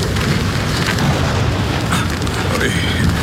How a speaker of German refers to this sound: Guter Gott, das war knapp. Fast hätte der Blitz den Drachen getroffen.